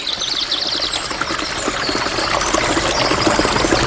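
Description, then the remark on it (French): A distant river flows with a steady, continuous rushing wash that swells slightly toward the end, while birds chirp faintly in the background. No one speaks. “Il entendit au loin une rivière et s'en approcha.”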